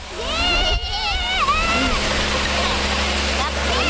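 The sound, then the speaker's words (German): Water sprays from a fire hose nozzle as it is turned open, used to knock down cans, in a loud, steady hissing rush that holds for the whole stretch, while voices call out over the noise. “Und jetzt drehst du vorne auf.”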